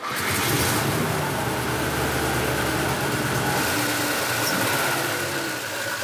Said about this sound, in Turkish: Su pompasının tıkırtısını duyabilirsin. O zaman uzun süre çalıştırmayalım.